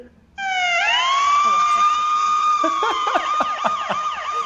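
A police siren kicks in abruptly and rises into a loud, steady wail, then shifts into a faster warbling yelp, with some background noise underneath.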